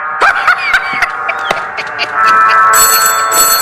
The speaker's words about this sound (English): get the phone.